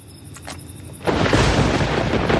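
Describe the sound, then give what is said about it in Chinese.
After about a second of near quiet, a loud crack of thunder bursts in and rolls on as a heavy, sustained rumble to the end. “可惜，这份惬意被雷声打断了。”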